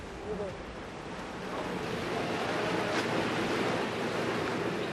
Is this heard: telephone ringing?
no